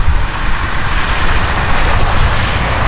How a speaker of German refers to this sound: Tja, das ist leider nicht das Meer, sondern die Straße.